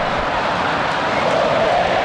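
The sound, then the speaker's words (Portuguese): A large crowd of Brazilian fans at the Maracanã stadium chants Neymar's name and sings "Olê, olê, olê, olá" during a Brazil versus Panama football match, a dense, steady roar filling the space, with a sung tone emerging more clearly partway through. No individual voices stand out. “Olê, olê, olê, olá. Gritos de Neymar.”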